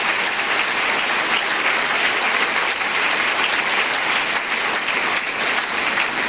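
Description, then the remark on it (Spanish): Sustained audience applause during a Christian sermon, a dense steady wash of many hands clapping at an even loudness for several seconds, with no voices standing out. “Pues dale un aplauso, porque esa es una verdad contundente.”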